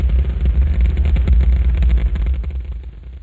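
Saturn V rocket engines roar at launch as the rocket moves off the pad and clears the tower, with thrust on all five engines: a loud, continuous deep rumble with rough crackling texture that holds steady for several seconds, then eases slightly at the end. No voices are heard.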